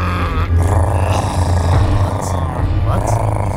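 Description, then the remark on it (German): Several stomachs growl loudly from hunger, a deep rumbling that goes on without pause, a gurgling, groaning drone with wavering pitch that swells and dips, overpowering, with no talking. “Immerhin knurren die Mägen so, dass man Mühe hat, sein eigenes Wort zu verstehen.”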